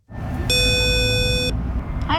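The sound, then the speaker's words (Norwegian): A single electronic doorbell buzz at the door of Norges Musikkorpsforbund sounds for about a second, steady and fairly loud, over a constant rumble of street traffic. “Vi pushet hun ned til Norges Musikkorpsforbund, og der ringte hun på.”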